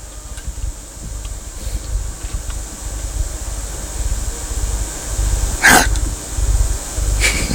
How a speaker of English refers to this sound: God bless you.